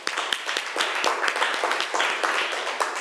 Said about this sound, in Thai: เอาละตอนนี้เรามาดูตัวแทนห้องต้นทางกันดีกว่าว่าเขาจะนำเสนอผลการทำกิจกรรมได้ว่าอย่างไรอ่ะขอเสียงปรบมือให้ตัวแทนจากกลุ่มที่4ด้วยค่ะ